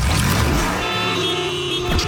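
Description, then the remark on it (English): A motorcycle's muffler purrs with a deep rumble, then settles into a steady droning engine tone with a bright harmonic edge for a couple of seconds. “Now let's hear that muffler purr.”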